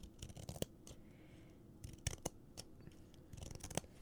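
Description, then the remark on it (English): Scissors snip through a little piece of paper for ASMR in a series of quick, crisp cuts, with small rustles between them, fairly quiet, with no voices. “We're going to be cutting a little piece of paper.”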